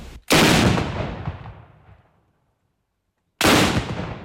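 Two booming ceremonial Prangerstutzen rifle shots fired by Prangerschützen at Whitsun festivities in the Salzburg region, about three seconds apart, each a sharp loud blast trailing into a long rumbling decay; the second shot is cut off. No one speaks.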